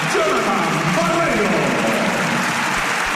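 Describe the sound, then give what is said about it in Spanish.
A large basketball arena crowd applauds steadily throughout as the player Barreiro sits down, a dense wash of clapping with faint voices talking underneath. “Se sienta Barreiro aplaudido por parte del público.”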